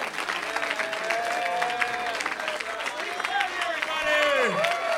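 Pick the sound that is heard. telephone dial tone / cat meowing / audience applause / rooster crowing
audience applause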